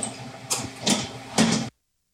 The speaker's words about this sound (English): All right, and we are now hearing the gentle hum of a very large oven. Tell us a little bit about this. These are our 2 convection ovens. We can bake 5 trays of any product at one time, and convection bakes about 50% faster than your traditional oven